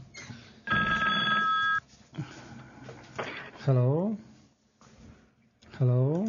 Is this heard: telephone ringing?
yes